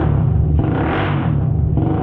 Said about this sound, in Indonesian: Suara motor yang kayak gini yang aku pengenin.